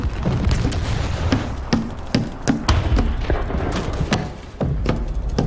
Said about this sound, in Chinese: 这是哪儿传来的枪炮声？ 是不是共军在攻打庄丁村啊？